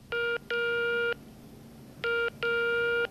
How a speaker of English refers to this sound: So, one day she picked up the phone and dialed 12345.